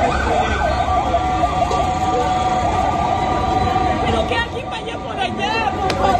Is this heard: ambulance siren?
yes